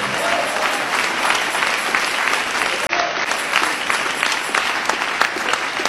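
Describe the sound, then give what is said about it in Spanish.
An audience applauds in praise of the Lord Jesus, with dense, continuous clapping from many hands and a brief cut near the middle before the applause resumes at steady volume. “Les aplauso de alabanza al Señor Jesús.”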